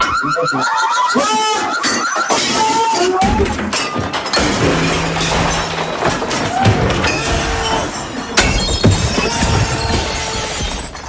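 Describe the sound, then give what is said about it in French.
In a rage room of about 20 square metres, dishes and other objects are smashed repeatedly with bats, a sledgehammer, a crowbar and a hammer for about 14 minutes, with loud crashes of shattering ceramic and glass piling up one after another, plus clattering debris and a few brief shouts among the noise. “Donc laquelle il y avait beaucoup de vaisselle au centre de la pièce”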